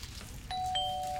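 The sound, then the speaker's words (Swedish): A two-tone ding-dong chime, like a queue number system calling the next ticket. The two notes ring clearly one right after the other and sustain over a quiet background hum. “Nu, men då säger det pling plong.”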